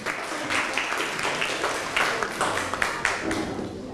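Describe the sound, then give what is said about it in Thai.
A class of students applauds a student group serving as evaluators of a presentation, with steady, dense clapping for about four seconds, many hands overlapping into a continuous crackle with a few sharper claps standing out, no voices. “ขอเสียงปรบมือให้กับผู้ประเมินด้วยครับ”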